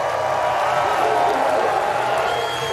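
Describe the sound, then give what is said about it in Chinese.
A crowd, including rival competitors, applauds and cheers skier Von Allmen after he finishes his ski race run in 1:25.32, a steady, dense wash of clapping that holds at an even level for the whole stretch, with indistinct voices mixed into the noise. “最后冯阿尔门是1分25秒32，连对手都在为他鼓掌啊。”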